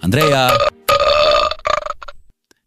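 A quick run of loud burp noises from a plastic toy, three long buzzy belches followed by a short choppy one, with brief gaps between them and no talking.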